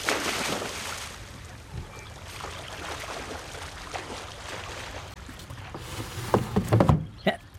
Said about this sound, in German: Moment, dann springe ich kurz ins Wasser und hole die Angel wieder rein.